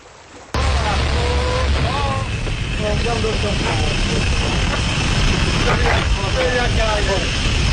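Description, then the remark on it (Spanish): An old, crackly recording of one of the first bathysphere dives, made in 1930 by naturalist William Beebe and diver Otis Barton in the Sargasso Sea: a steady low mechanical rumble and broad hiss fill the background while muffled voices talk over it throughout. “Eso que escuchamos de fondo es una de las primeras inmersiones con batisfera que realizaron el naturalista William Beebe y el buzo Otis Barton, también en el mar de los Sargazos.”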